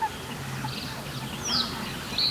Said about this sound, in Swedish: Sen är det ju en trastsångare som hörs på lite avstånd.